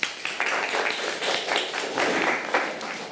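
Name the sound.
students clapping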